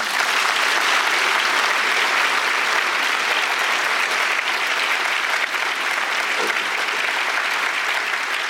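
A large audience applauds steadily in the Frankfurt Paulskirche, a dense, sustained, reverberant wash of clapping hands that stays loud and even throughout without pause.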